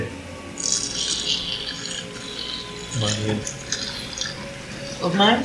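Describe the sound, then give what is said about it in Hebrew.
Warm water is poured over a patient's heart during surgery to warm it, splashing in an irregular, hissy stream for several seconds, with clicky rattling mixed in and voices speaking briefly near the middle and end. “עוד מים? עוד קצת, בוא נוציא את זה, נחמם קצת את הלב.”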